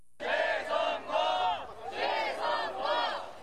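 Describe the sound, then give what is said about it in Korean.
A large crowd of protesters chants "re-election" (재선거) over and over in steady, loud bursts with brief dips between them, with no single voice standing out, around audiences waiting to enter a K-POP festival at Olympic Park. “페스티벌 입장을 기다리는 관객들 주위로 재선거라는 외침이 반복해서 울려 퍼집니다.”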